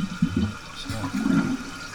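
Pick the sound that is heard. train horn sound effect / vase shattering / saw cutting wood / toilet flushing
toilet flushing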